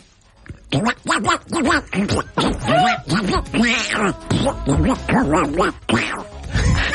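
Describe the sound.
A person imitates Donald Duck's voice, a mix of Donald Duck and Gollum: a continuous run of raspy, nasal, quacking syllables with a bright buzzing tone, fairly loud and lasting several seconds without pause.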